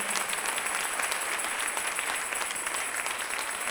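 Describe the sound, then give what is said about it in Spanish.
A crowd applauds steadily as an applause to the Lord, a dense wash of many hands clapping at once that holds an even level throughout, with no voices standing out above it. “Démosle un aplauso al Señor en este día.”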